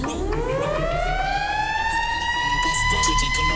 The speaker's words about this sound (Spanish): Voy soltando sirena de una vez para ver.